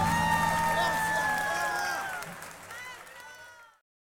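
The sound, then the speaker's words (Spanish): Loud applause and cheering from a crowd for harmonica player Rama Maidana, a dense wash of clapping with sustained high whistle-like tones over it, easing off and fading out after about three and a half seconds. “aplauso fuerte para Rama Maidana en armónicas.”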